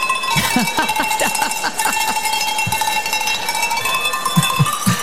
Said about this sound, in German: Bis hin zu einer professionellen Kuhglockenläuterin. Dann lass mal läuten.